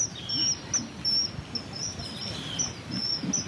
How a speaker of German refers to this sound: Sie holt aus ihrem Rucksack eine Bluetooth-Box hervor und stellt sie vorsichtig an einen Baumstamm, der über das Wasser ragt. Sie spielt über die Box das Zwitschern des Eisvogels ab. Dieser soll ihn anlocken.